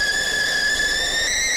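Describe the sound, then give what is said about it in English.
A kettle boiling water for a cup of tea whistles loudly and steadily, one shrill sustained tone with a slight wavering pitch and no pauses, with no one talking. “She is whistling away.”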